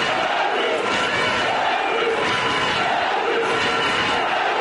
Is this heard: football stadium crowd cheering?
yes